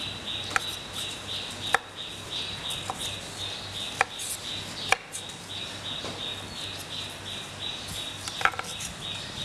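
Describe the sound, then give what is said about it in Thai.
A knife chops blanched broccoli into bite-sized pieces on a cutting board in sparse, irregular strokes, about seven sharp taps with pauses between, over a steady background hum and a faint high whine. No one speaks. “ก็ลวกเช่นเดียวกันนะคะต้มน้ำลวกให้สุกนะคะก็หั่นชิ้นพอคำนะคะ”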